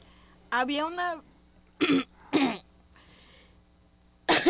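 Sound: coughing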